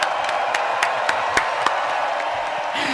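An audience breaks into sustained applause, a dense wash of many hands clapping at once, with sharper individual claps and a few faint cheers rising out of the steady roar.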